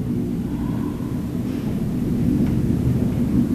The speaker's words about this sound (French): Mais moi j'entends surtout... Là, il y a l'avion là-haut.